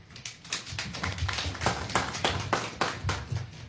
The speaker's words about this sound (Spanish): Entonces, damos inicio con las palabras de nuestro gerente de Servicios Municipales y Gestión Ambiental, a quien recibimos con fuertes aplausos.